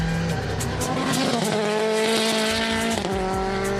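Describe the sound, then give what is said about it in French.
A race car built with a lot of rally technology roars around a circuit, its engine note climbing and dropping through gear changes as it rides over the kerbs. A brief tire squeal cuts through, and the sound stays loud throughout with no talking. “Au niveau des vibreurs, la voiture absorbe beaucoup mieux les vibreurs qu'une incendie GT4 de route.”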